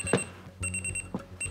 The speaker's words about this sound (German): Wie bitte? Was ist das denn gleich schon? Dein Wecker.